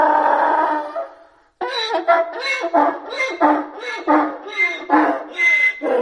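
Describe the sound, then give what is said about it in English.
A donkey brays loudly, a long harsh call breaking into rapid, rhythmic hee-haw gasps that repeat steadily after a brief pause, with no talking. “There is a sort of similarity between them all, with both the zebra and the donkey doing that sort of hiccup with their braying.”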